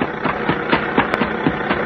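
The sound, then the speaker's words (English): A car engine idles steadily, its low, even chugging pulsing about four times a second with a constant rumbling hum underneath. No voices are heard. “Stop that car, huh?”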